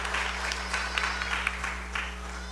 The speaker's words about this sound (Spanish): Sí, allá, cerca de la sacristía, allá, la señorita, vamos a dar nuestro aplauso.